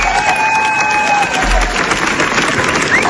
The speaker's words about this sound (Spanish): 17 minutos de aplausos. 17 minutos de aplausos.